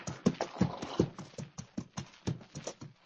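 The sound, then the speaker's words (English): The hooves of horses pulling a stagecoach clip-clop in a steady, quick rhythm, a run of sharp knocking beats at a moderate level with no voices over them. “Hey, look. It's the stagecoach, all right.”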